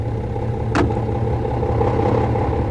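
A car engine idles steadily with a low, continuous rumble throughout, and a brief clunk or click sounds near the start, as the driver tells someone to get into the car for a ride to the warehouse.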